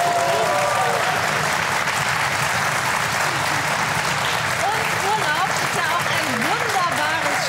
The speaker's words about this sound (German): Das gibt noch mal einen extra Applaus, oder? Ja.